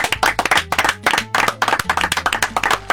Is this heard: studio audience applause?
yes